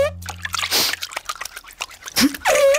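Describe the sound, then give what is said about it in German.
Water splashes and sloshes as feet move in a shallow footbath, with irregular drips and small splashes, a louder slosh near the end. “So ein kleines Bad muss gar nicht komplett sein. Es reichen auch nur die Füße, so wie jetzt gerade hier.”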